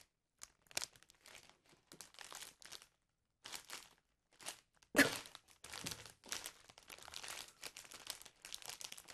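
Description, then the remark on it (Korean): Crisp crinkling and crunching bursts made as an ASMR imitation of footsteps on very crispy, dry leaves, coming in irregular steps with brief pauses, one sharper crunch midway, and no talking. “이게 약간 이거 잘 맞을지 모르겠지만 걸어갔을 때 완전 바삭한 나뭇잎 밟을 때그 소리 한번 해볼게요.”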